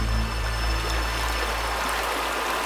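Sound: river water flowing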